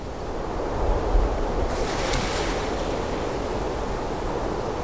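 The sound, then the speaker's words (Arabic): Steady ocean surf rolls along a shoreline in Sri Lanka, the ocean water calm today, a continuous rushing wash with one brighter wave breaking and hissing midway, plus a faint low rumble of wind. No voices. “مياه شواطئ المحيط راكدة اليوم”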